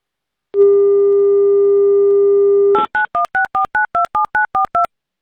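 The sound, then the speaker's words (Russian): A steady telephone dial tone hums for about two seconds, then cuts to a quick, even run of about ten short dual-pitched DTMF beeps as the Avtoradio station dials a listener in the Saratov region. No one speaks. “Так, набрали номер.”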